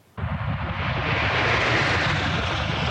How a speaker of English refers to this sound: That familiar roar of a flyover in formation will soon be coming to an end as Canada's snowbirds prepare for what will now be their summer swan song, at least for now.